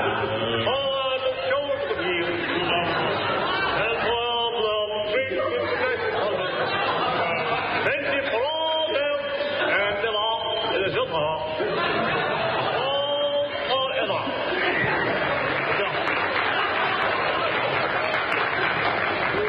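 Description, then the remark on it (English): A large crowd chatters excitedly, a dense, continuous roar of overlapping voices with bursts of shouting and cheering, loud throughout with scattered clapping. “With the crowd lashed into a frenzy by the power of his...”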